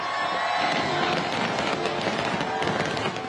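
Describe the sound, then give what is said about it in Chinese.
Dense, continuous crackling and popping bursts from a National Day fireworks display of more than 30,000 fireworks over Victoria Harbour, Hong Kong, at 8 pm, with a crowd of residents and tourists on the Tsim Sha Tsui waterfront murmuring underneath, loud and steady throughout. “国庆烟花汇演晚上8点举行，超过30,000枚烟花在维港上空绽放，大批市民和旅客企满星光大道和文化中心外的空地观赏。”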